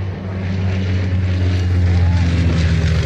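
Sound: airplane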